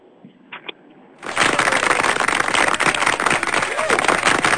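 After a brief quiet moment with a couple of soft sounds, sustained audience applause erupts for a student who has just finished singing, a loud, dense wash of many hands clapping that continues steadily to the end.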